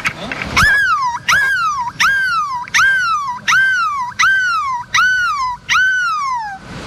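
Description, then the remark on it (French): A person imitates a seagull in the middle of the Place de la République in Lille, letting out eight loud, piercing cries in a steady rhythm, each one jumping up sharply and then sliding down in a wailing fall. “Pourrons-nous faire mieux que le cri de la mouette au milieu de la place de la République à Lille?”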